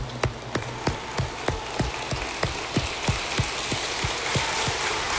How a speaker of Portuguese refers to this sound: Uma salva de palmas a Nossa Senhora, que ela merece.